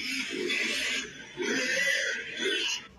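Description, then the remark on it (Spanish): Three loud grunting oinks from a pig, each lasting about a second with brief gaps between, clear with a harsh, nasal quality, used as a sound effect in a news report likening Santo Domingo to a pigsty. “Ahí le mete un efecto y todo, Carlos Miguel, muy bien.”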